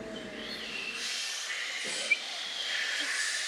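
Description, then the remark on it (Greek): Steady, breathy wind blows with a soft hiss that swells and eases in gentle gusts, with a faint low hum at the start and no voices. “Ακού τον άνεμο.”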